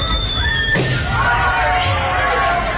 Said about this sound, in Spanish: Una persona silbando y otra explotando un globo con un alfiler, ¿no?